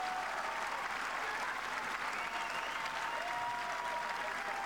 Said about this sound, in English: Just listen to this court 18 crowd. There are people standing up.